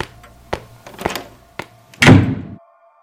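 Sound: slap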